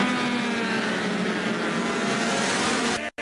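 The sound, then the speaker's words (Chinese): Loud, continuous roar of racing motorcycle engines at high revs in the first middleweight race of the World Superbike Championship round in Portugal, including French rider Valentin Debise's No. 53 Zhang Xue Motorcycle machine; the pitch shifts slightly as they scream past, then cuts off abruptly. No voices. “3月28号，在世界超级摩托车锦标赛葡萄牙站的中量组第一回合比赛中，中国张雪机车厂队的法国车手瓦伦丁·德比斯驾驶53号赛车，以领先第二名近4秒的优势夺得冠军。”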